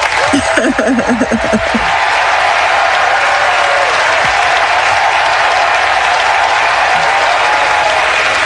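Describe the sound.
Loud, sustained applause from a crowd fills the whole stretch, a dense wash of clapping with a brief voice-like murmur near the start before the clapping continues steadily to the end.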